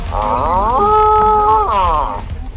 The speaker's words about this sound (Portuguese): Mostra aí como é que o boi faz.